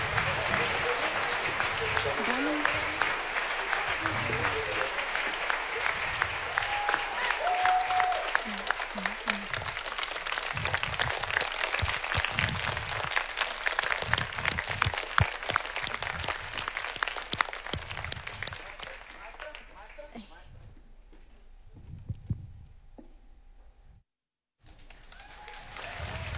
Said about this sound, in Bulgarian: Аплодисменти, аплодисменти, още веднъж, дами и господа, добър вечер!